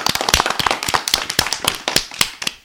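Energetic clapping from a group, a dense stream of sharp, crisp claps at an uneven, rapid rhythm that carries strongly with no voices over it.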